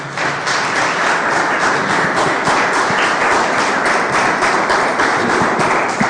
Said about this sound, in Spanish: ¿Cuántos dicen gloria a Dios? ¿Le podemos dar un fuerte aplauso al Señor?